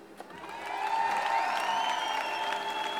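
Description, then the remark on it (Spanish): A crowd applauds steadily, with cheering voices and a few high whistle-like tones rising over the dense clapping, swelling in the first second and then holding loud. The applause and cheers are at the Reina Sofía for a Spanish singer who has just performed. “Bueno, pues esos aplausos y esos vítores que están escuchando se están produciendo en estos momentos en el Reina Sofía.”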